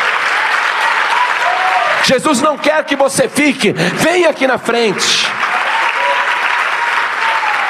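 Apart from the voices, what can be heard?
audience applauding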